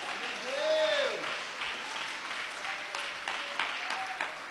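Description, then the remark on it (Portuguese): A church audience applauds in praise of God in a steady, dense wash of clapping, with voices calling out over it, including a rising and falling shout near the start. “Pode louvar a Deus, pode bater palmas, glorifica o Senhor.”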